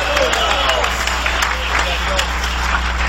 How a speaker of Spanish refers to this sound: Dale un aplauso de poder al Cordero de Dios. ¡Aleluya!